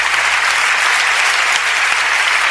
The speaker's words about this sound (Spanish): Cuando le dan un aplauso al Señor por esa presencia. Sí, Señor.